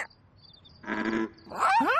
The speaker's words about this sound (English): Wait, Elmo thinks he hears another frog. There it is! Listen, the froggies are croaking back and forth. Oh, maybe because they're communicating!